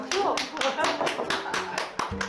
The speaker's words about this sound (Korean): 박수.